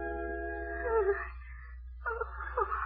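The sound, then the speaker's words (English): Frightened, high-pitched whimpering from a tiny elderly woman in a wheelchair as someone takes her hand: a thin, wavering cry lasting about a second, a short pause, then a second shakier burst, with a low steady hum underneath. “She whimpered with fright when I came over and took her hand.”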